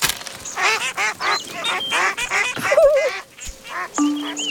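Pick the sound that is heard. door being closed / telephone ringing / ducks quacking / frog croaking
ducks quacking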